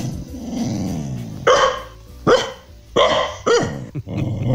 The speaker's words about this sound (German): Ja, so hört sich Hündin Carla zu Hause in Hanau an.